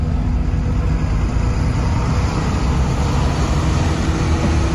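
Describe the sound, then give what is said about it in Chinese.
A bus engine rumbles steadily with a dense, low drone as the nearly full, unlicensed passenger vehicle starts and drives off, loud with no pauses and no voices. “看汽车已经启动，这提到嗓子眼的心略微放下来些”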